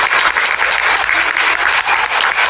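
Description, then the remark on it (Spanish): An audience at a preschool school-zone event claps steadily for a school supervisor, a dense, loud wash of many hands with a slight pulsing rhythm and no voices over it. “Cuatro los aplausos.”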